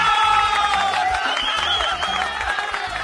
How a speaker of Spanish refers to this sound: Hay que brindarle fuerte los aplausos.